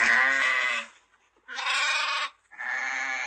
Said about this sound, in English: Sheep. This is a sheep. Sheep. What does a sheep say?